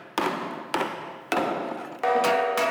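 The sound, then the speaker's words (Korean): Four sharp hammer strikes on a metal Korean jing gong at irregular intervals, each leaving a sustained shimmering ring; the gong is being tuned by hammering to adjust its vibration toward its own tone, and the last blows bring out clearer tonal ringing. No one speaks. “망치질을 해가면서 이제 그 떨림을 조정해가지고서 우리가 이제 고유 징 소리를 찾아나가서 이게 나에 맞는 징입니다.”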